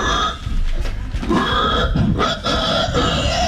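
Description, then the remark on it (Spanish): A human voice mimics a pig, producing a continuous run of loud, rough grunting and snorting noises for a few seconds with no ordinary speech. “De gente que hace ruido de animales, es re divertido. Pero así hacen los chanchos.”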